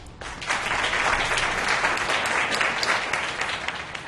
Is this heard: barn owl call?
no